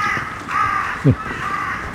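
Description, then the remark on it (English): Carrion crows caw in harsh, rasping calls, a couple of drawn-out caws and a short low croak, against a steady outdoor background hiss. “Finally managed to see carrion crow.”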